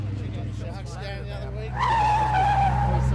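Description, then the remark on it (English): A car engine rumbles low, then a loud, high-pitched tire screech kicks in and holds steady, wavering slightly as the car skids around a corner; faint voices murmur early on. “Whoa! Slow it down around the corners, mate.”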